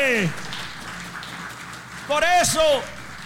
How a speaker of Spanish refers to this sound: ¡Oh, si ese aplauso es para Dios, es fuerte!